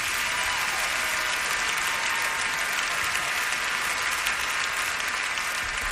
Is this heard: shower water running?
no